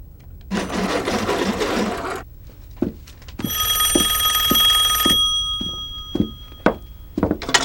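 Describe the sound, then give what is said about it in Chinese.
A harsh mechanical rattle, then a bright telephone bell rings steadily for a couple of seconds, loud, with sharp clicks and thunks scattered around it and no talking. The ringing is for a long-distance call placed over a military telephone line to Nanjing. “我和我的弟兄们都被困在这儿了，想要你的军线往南京打个长途电话，可以吗？”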